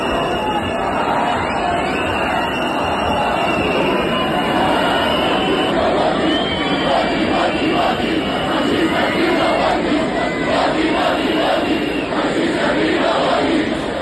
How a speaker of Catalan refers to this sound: És l'ambient que es vivia ahir a la Patum de Berga. Més enllà de la pluja, doncs van ser protagonistes també aquests càntics i aquests xiulets.